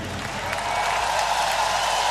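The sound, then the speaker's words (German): Steady, dense applause from an audience for the stage crew: a sustained wash of many hands clapping at a constant loud level, with a faint crowd murmur beneath and no individual claps standing out. “Bisschen eintobenden Applaus für unsere Crew.”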